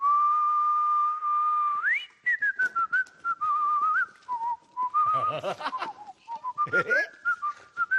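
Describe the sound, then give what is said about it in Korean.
A man whistles a jaunty walking tune to accompany a walk with dogs: a long held note, then a quick rise into a stepping melody of short phrases, with faint chatter and laughter mixing in midway. “아저씨를 따라서 아저씨 휘파람 소리를 들으면서 우리 한번 산책시켜보자.”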